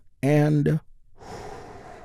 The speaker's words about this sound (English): And we get things started by taking a slow, deep healing breath with me. Here we go.